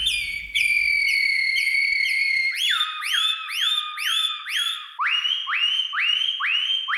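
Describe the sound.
A person whistles an imitation of the Atlantic canary (serin des Canaries) song: a bright, rapid trill gives way to repeated swooping phrases, then a run of lower upward-sliding notes, loud and unaccompanied.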